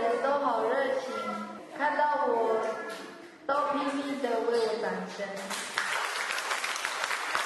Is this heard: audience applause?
yes